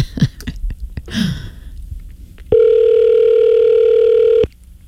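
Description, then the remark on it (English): A phone ringback tone plays on an outgoing call, one steady two-second electronic ring that sounds clear, preceded by a few soft handling clicks and rustles. “Oh, it's ringing.”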